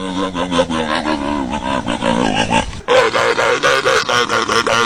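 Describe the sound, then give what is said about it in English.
A loud sea lion bellowing in a rapid series of harsh, honking barks and grunts, continuous for several seconds with a brief break partway through. “For example, yesterday Shelby knew that this sound is the sound of a sea lion.”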